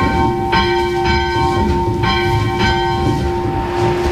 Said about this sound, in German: und wir läuten zunächst mal die Schulglocke.